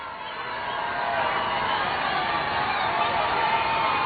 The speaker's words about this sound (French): de voir ces parlementaires applaudir ainsi le pape qui les a interrogés.